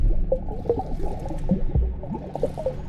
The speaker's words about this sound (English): I bobbed in the water, making waves, and listening as they slapped against the edge of the pool.